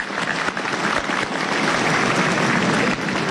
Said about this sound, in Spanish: Y estamos muy agradecidos a ustedes. Vamos a aplaudir a todo nuestro pueblo generoso.